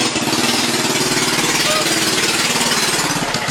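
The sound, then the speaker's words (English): The engine of a mini Barbie car, driven by a man in Georgia because of high gas prices, runs steadily for the whole stretch. It is a loud, buzzy, sputtering drone with a rapid pulsing rumble and a hissy, rattling top end. “Anybody seen the Georgia man that said gas prices were so high, he started driving a Barbie car instead?”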